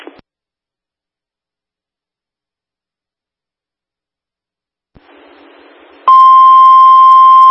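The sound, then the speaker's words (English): After a stretch of silence, a short burst of radio static gives way to a loud, steady electronic dispatch alert tone that holds unbroken to the end, with no one speaking. “8 truck will be transferred into 6 truck still after this alarm.”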